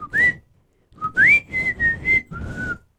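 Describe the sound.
A person whistles a short melodic phrase of several sustained, sliding notes, fairly loud, with a brief pause after the first note and no talking.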